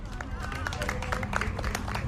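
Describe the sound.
A crowd of about thirty people applauds outdoors, a steady patter of many overlapping claps with a low background rumble and scattered voices, holding at a moderate, even level throughout.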